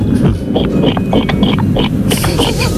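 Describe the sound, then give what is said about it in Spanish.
A person imitates a pig, making a rapid string of rough, snorting grunts, loud and continuous for a few seconds with no other talking. “Bueno, pues yo sé imitar a la gallina y al cerdo. Ah, muy pues bien. Empecemos por el cerdo, ¿por qué no?”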